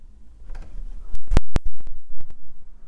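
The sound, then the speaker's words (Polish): A door gently eased open and shut: a quick run of mechanical latch clicks, two sharp louder clacks in the middle, then several lighter ticks trailing off, with no voices. “Teraz delikatnie otwieram i zamykam drzwi.”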